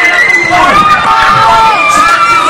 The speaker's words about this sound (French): Au coup de sifflet final, ces cris de joie ont résonné bien au-delà des rues de Yaoundé.